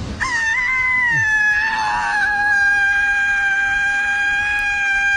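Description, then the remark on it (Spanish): A woman lets out a long, loud, sustained scream at high pitch, holding steady for about five seconds with no talking. “No, mi terapeuta dice que es muy bueno gritar.”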